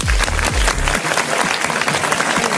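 Loud, dense audience applause on the Club Connection party show on the radio station Studio Q fills the whole moment, a steady crackle of many hands clapping, with a few deep bass thumps from music underneath during the first second.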